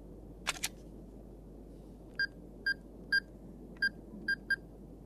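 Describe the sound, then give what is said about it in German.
A telephone being dialed: two quick clicks, then six short electronic keypad beeps at slightly uneven intervals, clear against a quiet background hum, with no one talking. “Da ist das Telefon.”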